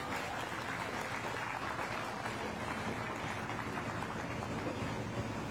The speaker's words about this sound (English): Now, let's give them a round of applause.